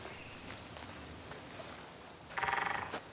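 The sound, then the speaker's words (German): A short burst of woodpecker drumming on a tree, a quick run of about ten sharp, even knocks that fade slightly, rising clearly above a low, steady outdoor background hum. “Ein Specht! Der muss irgendwo hier im Baum sein.”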